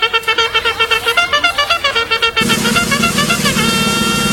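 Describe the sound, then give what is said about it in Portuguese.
A rapid series of short, loud horn blasts pulses quickly, then merges into one long sustained honk that continues to the end. No talking. “Ele está com todo o potencial nesta quinta-feira, corneta.”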